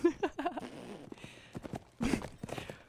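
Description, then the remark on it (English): Horse hooves gallop in a quick, uneven clip-clop rhythm, a run of hollow clattering beats at moderate volume that comes in bursts and sounds like a sound effect rather than a live recording. “Do you like the horses galloping behind us?”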